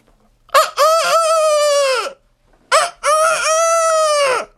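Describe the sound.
A voice imitates a rooster crowing twice, each call a short pickup followed by a long, loud, strained held note. Clear, with a brief pause between the two crows.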